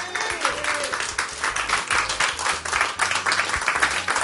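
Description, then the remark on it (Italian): An audience applauds steadily, a dense mass of many hands clapping at a fairly even level for several seconds, with no break in the sound. “Dai, su, facciamo un altro applauso.”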